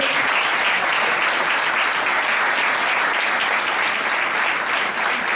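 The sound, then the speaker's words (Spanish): An audience applauds steadily, a dense wash of many hands clapping at even loudness for several seconds, with no voices standing out. “De hecho, este año alcanzamos los 150 equipos inscritos, que creo que se merece otro aplauso.”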